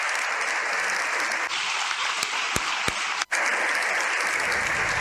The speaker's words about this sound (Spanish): Unas palabras que han concluido con una larga ovación de 7 minutos en el hemiciclo.